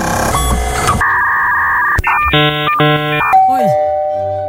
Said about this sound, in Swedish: Oj. Hörde ni pingplong på slutet också? En dörrklocka.